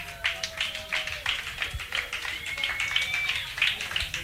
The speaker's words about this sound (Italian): Questa sera il concerto andrà in diretta sull'FM, quindi fate un bel applauso sia per chi sta ascoltando da casa, fate un bel applauso anche a voi, ma soprattutto fate un bel applauso ai nostri ospiti.